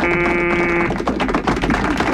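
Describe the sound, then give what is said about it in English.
A harsh, steady electric buzzer, being buzzed repeatedly, blares for about a second, then gives way to a loud jumble of rattling, clattering bursts, with no voices present. “You don't have to keep buzzing that thing.”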